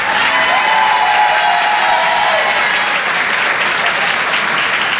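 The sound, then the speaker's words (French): Sustained audience applause for comedian Farah at the Rire et Chanson Comedy Club, broadcast live on Rire et Chanson: a dense, steady wash of many hands clapping at an even loudness for several seconds, with a faint tonal sound briefly threading through near the start. “En direct et en live sur Rire et Chanson, Farah, mesdames, messieurs, on peut l'applaudir.”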